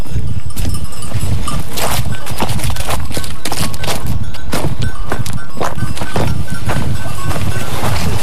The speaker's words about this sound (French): On s'approche des moutons qui paissent un peu plus bas.